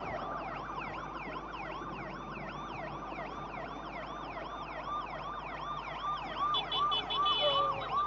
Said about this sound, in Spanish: Impresionante las sirenas. Los policías también